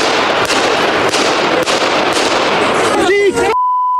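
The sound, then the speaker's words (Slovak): Five sharp pistol shots crack out in quick, uneven succession over a loud, busy crowd murmur with voices, followed by a steady electronic beep after the noise cuts off. The shots were fired at Prime Minister Robert Fico in Handlová on 15 May as he went to greet people after a government meeting. “O pár sekúnd je počuť 5 výstrelov z pištole.”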